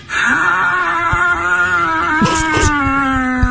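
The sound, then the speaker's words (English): A person attempts to imitate a dog barking, producing one long, steady, wailing vocal tone that holds a single pitch for several seconds instead of short barks, with faint clicks and rustles underneath. “That wasn't even close to a real dog bark.”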